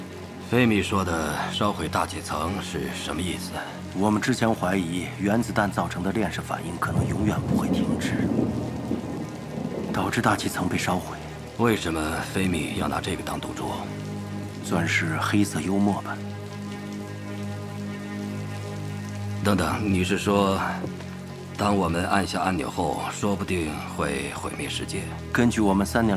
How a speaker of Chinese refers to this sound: 这是怎么了？ 下雨刮风闪电， 要持续多久？该值班会停不了。 黎明前就停了， 你怎么知道？ 我很熟悉这片沙漠，暴风雨一旦过夜就小了，黎明前就过去了。